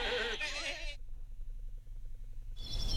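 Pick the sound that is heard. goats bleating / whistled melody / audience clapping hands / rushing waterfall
goats bleating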